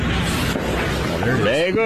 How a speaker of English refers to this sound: Now they're lighting the fireworks here.